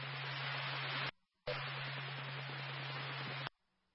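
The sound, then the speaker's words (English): Loud, steady radio static hisses for about a second, cuts to silence, then bursts back for two more seconds before abruptly stopping, like a squelch opening between transmissions, with a faint hum underneath. “You went from about this with the static to above it.”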